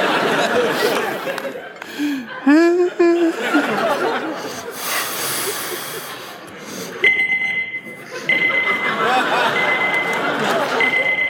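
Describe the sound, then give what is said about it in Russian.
A phone reminder alarm rings with a thin, steady electronic tone through the second half, sounding beneath laughter and overlapping chatter from people. “Это что, уже будильник? Это я напоминалку поставила, чтобы не забыть задать самый важный вопрос.”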